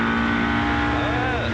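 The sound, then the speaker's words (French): A rally car engine whines loudly at high revs, close to 8000 rpm, a steady, buzzing drone with a brief rise and dip in pitch near the end. “Ça miaule, hein.”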